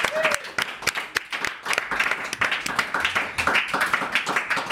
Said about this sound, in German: Und nochmal Applaus für Max van der Oost, den Chef hier.